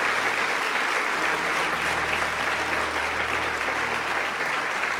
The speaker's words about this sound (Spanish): Eso merece que alguien dé un aplauso al Señor. Amén.